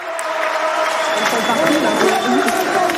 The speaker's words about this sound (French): Et vous allez l'entendre, la Niçoise qui a été acclamée par la foule et qui ont même chanté des chants de supporters parisiens.